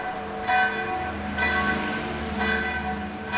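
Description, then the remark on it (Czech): The bells of the old Serbian Orthodox church of St. Michael in Sarajevo, Bosnia and Herzegovina, ring for mass in a steady peal, with a fresh stroke roughly every second over a sustained, shimmering hum of overlapping tones. No voices are heard. “Zvony cerkvie, ktorá šporada neskery z 5. stoliša, vovajú na mšu, ale nicht nepřížo.”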